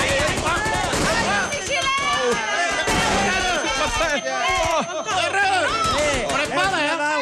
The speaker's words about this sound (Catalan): El festival de trets i explosions és increïble. Es disparen més de 1.000 trets i una desena de granades en molt pocs minuts.